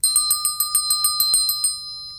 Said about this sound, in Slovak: Nože sa načiahni tamto za zvončekom, nech privolá pána vedúceho.